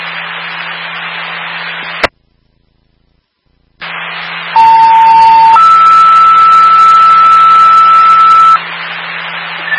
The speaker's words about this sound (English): stand by for tone.